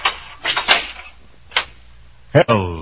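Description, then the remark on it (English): Several sharp, hard footsteps come down a prison corridor at an uneven pace, each a distinct knock, before a voice begins speaking near the end. “I hear footsteps coming down the corridor now.”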